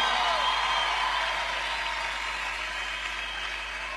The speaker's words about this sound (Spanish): El aplauso para el Señor, que se escuche. Oye, ese aplauso para el Rey de la Misericordia, el Rey del Amor.